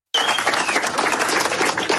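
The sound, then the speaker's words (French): A crowd applauds steadily as an injured 9-year-old footballer is carried off on a stretcher at a youth football tournament in Auchy-les-Mines, Pas-de-Calais, France. A dense, crackling patter of many hands clapping at once, fairly loud, sustained without pause and with no voices over it. “Il repart sous les applaudissements, mais sur un brancard.”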